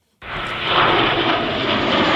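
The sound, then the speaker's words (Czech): JAS-39 Gripen fighter jets roar overhead in a flypast opening the Bahna military show at a Czech army tank training ground, a loud, steady rushing engine noise that starts abruptly and holds strong for a couple of seconds, with no voices. “Další bahna začala průletem stíhaček JAS-39 Gripen.”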